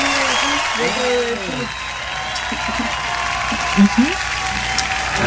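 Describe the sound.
Steady audience applause fills the whole stretch, a dense hiss of clapping at an even level, with some voices calling out underneath near the start and a couple of short shouts later.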